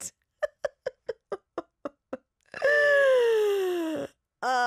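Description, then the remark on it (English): A voice imitates a huge gorilla yawn: a quick run of about nine short huffing grunts, then a long, loud, drawn-out groaning tone that slowly falls in pitch before a final groan starts. “And with society standards, like if I made this like huge gorilla sound every time I yawned.”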